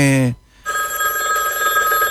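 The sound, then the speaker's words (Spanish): A telephone rings with a steady, continuous electronic tone right after a brief burst of a voice and a short pause, loud. “Sí, me parece que suena el teléfono.”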